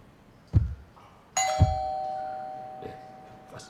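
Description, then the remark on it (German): A doorbell rings once with a bright, sustained chime, its tone ringing on and slowly fading, surrounded by a few dull knocks or thumps and quiet background noise. “Hat da jemand geklingelt? Haben wir überhaupt eine Klingel?”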